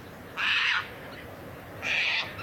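Two short, harsh, scratchy calls from a Caspian tern in Ostrobothnia at about 16:45, each under half a second and separated by a long pause, loud against a quiet background with no talking.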